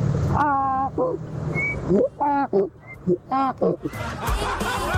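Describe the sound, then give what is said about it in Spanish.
A caller to a radio show from Cereté, Córdoba, imitates a donkey's bray with a string of loud, rhythmic voiced honks, pitch swinging up and down in bursts, with snickering laughter and background chatter around it. “Está haciendo como el burro.”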